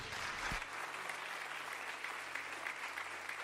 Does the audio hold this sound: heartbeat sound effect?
no